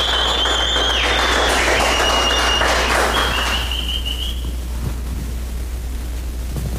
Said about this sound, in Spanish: ¡Fuerte el aplauso!